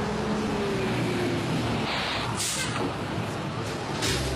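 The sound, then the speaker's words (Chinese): A city bus rumbles steadily, its engine droning low as it pulls into a bus stop, with a couple of short bursts of hissing air near the end as it comes to a stop. “公交车马上就要进站了，请大家拒绝排好队。”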